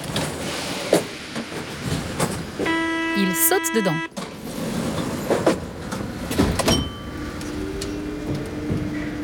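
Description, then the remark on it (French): A metro train pulls in with a steady rumble and a brief tonal chime, then keeps moving with a continuous rolling noise while a person speaks briefly over it. “Le métro arrive.”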